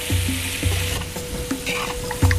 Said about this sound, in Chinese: 选取一年生土鸡，切块后下锅翻炒